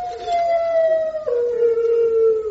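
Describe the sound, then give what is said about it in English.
A single long, mournful howl from a hound, loud, holding a steady pitch before dropping slightly and sustaining again for a couple of seconds. “Come here, dog.”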